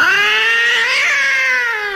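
A cat lets out a single long, drawn-out yowl, loud, its pitch rising slightly and then sagging toward the end, with no voices around it.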